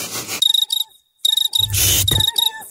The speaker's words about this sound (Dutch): Luister. Hoor je het ook? In juni kunnen zelfs de krekels niet zwijgen